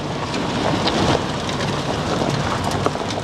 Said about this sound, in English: I'm in a truck heading up a farm track on a finger of land jutting off the eastern coast of Te Taitokoro Northland. It's grey, drizzly and windy, but not as bad as some of the weather they've had here lately.